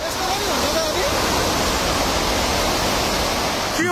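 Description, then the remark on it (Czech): Loud, continuous roar of rushing floodwater from the swollen Trishuli River, its level rising rapidly, a dense, steady churning wash, with faint voices briefly audible beneath it. “Na těch záznamech kamer z oblasti je potom vidět opravdu bleskový nárůst hladiny.”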